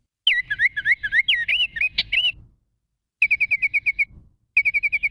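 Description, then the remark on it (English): Baltimore Oriole song: a clear, fluty whistled phrase of varied notes, then after a pause two quick runs of evenly repeated whistles, loud with no talking. “And one of the first to leave is the Baltimore Oriole.”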